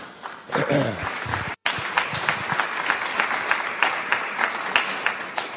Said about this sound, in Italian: Sorrisi e applausi